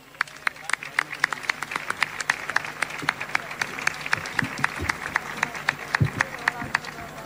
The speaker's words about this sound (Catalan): Un aplaudiment.